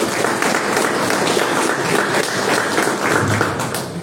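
Steady audience applause for candidate Julio Chacón of the Frente de la Esperanza party fills the whole four seconds, a dense, even wash of many hands clapping at once, loud and sustained without pause or voices over it.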